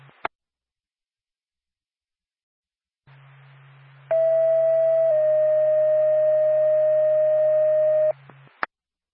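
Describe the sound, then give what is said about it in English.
Ambulance dispatch paging tones sent by NORPAC to Lancaster Ambulance: a steady, loud, high tone holds for about a second, then drops to a slightly lower pitch for several seconds, over a low radio hum with clicks at start and end. “NORPAC to Lancaster Ambulance, standby for tone.”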